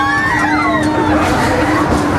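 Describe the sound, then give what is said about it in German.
A crowd of riders screams together on the Belantius Rache fairground ride, a large swinging ship that also spins around itself, measured at 92.2 decibels; overlapping high, wavering shrieks rise and fall continuously over a steady low mechanical hum, loud throughout. “Bin gespannt, wie viel Kreischalarm wir hier mitkriegen.”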